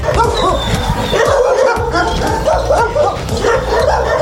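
Many dogs waiting for adoption at the Na Paluchu animal shelter in Warsaw bark and yip continuously in a loud, echoing chorus, with overlapping barks from several animals and some whimpering mixed in.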